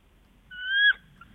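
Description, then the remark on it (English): A person imitates a bald eagle's call: a thin, high whistled cry that rises slightly and breaks off, followed by a short second chirp, fairly loud with no talking. “What does a bald eagle sound like?”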